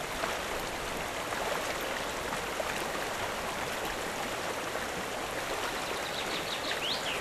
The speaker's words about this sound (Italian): E poi ci sono le cascate, e le cascate lì dopo dipende da quanta acqua c'è, perché la cascata piccolina, sì, la senti, la gusti, senti lo scrosciare dell'acqua.